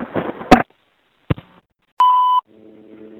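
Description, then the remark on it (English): A couple of hard mechanical clunks as payphone keypad buttons are pressed, followed by one short, steady electronic keypad beep, then a faint low buzzing tone, at a payphone beneath a subway. Without any talking. “I'm going to include this phone on my collection of payphone buttons.”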